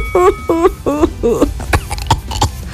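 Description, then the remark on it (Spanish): A person lets out a string of short, deliberate, feigned coughs, the first few throaty and voiced, followed by three sharper, breathier bursts, all kept fairly subdued. “Sí, me la tos de verdad, pero toso fingido para que suene menos escandaloso.”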